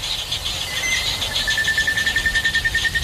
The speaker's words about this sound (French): Illustration sonore pendant la saison humide, voici un enregistrement le jour avec des oiseaux.